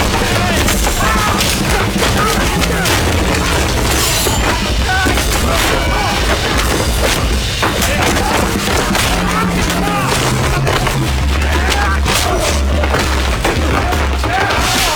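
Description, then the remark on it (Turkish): Punches land in a rapid, relentless barrage of loud, heavy thuds and smacks during a fistfight, with voices mixed in under the impacts and a low rumble running throughout. “Yumrukları çok ses çıkarıyor.”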